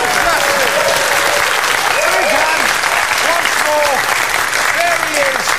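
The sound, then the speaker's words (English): Sustained, loud applause from a sizable audience fills the whole stretch, dense and steady clapping with faint voices and a few whoops mixed in, no pause or fade. “So, another big round of applause”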